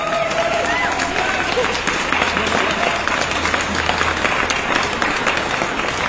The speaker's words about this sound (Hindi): तो आज के सुबह की लकी सुपरस्टार बनते हैं आप हमारे शो के, तो आपके लिए जोरदार तालियां।